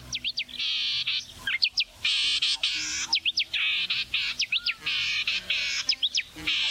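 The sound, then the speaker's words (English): A grating, shrill bird call repeats over and over, loud, mixing sharp upward chirps with harsh buzzing bursts in a steady, insistent rhythm, with no other sounds. “It sounds like an annoying bird. Like it sounds like a bird that I would not like. And it is accurate.”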